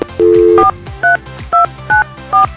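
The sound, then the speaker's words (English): A long dual-tone beep is followed by four short, evenly spaced beeps from a phone keypad as a Kix 99.1 radio host dials a listener. They are loud, with no talking. “See if we can get him on the phone.”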